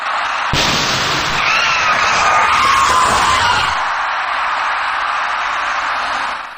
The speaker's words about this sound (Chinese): 那辆行驶在第三条车道中的面包车，左后侧轮胎像是突然出现了爆胎的状况。所幸驾驶该车的司机及时控制住了车身，这才没有造成更为严重的后果。